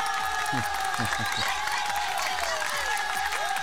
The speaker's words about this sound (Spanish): Aplausos para mí.